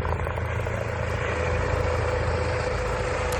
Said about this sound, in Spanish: Este en concreto es el helicóptero de la Guardia Civil por su última intervención.